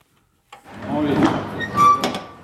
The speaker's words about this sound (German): Ein Lkw-Fahrer öffnet die Tür zum Laderaum. Dahinter erscheinen stapelweise Kisten, auf denen der Name einer Prosecco-Marke steht.